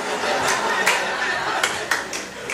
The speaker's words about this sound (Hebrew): אנחנו נשמור את המחיאות כפיים לקטעים החלשים עוד יהיו כאלה.